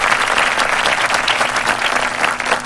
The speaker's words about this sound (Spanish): Bonito día a todos los cumpleañeros. Les mandamos las mejores de las vibras y un aplauso muy fuerte.